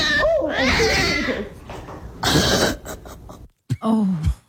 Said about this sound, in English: You could hear the cat give warning shots. But do you hear the moment where it goes the low growl and then, oh. That's when the cat smashed her in the face with claws out.